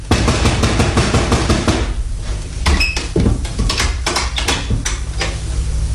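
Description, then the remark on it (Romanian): Someone knocks on a door in a quick, steady flurry of sharp raps, pauses briefly, then resumes with a slower, uneven series of knocks over a low background rumble. “Bate la ușa asta.”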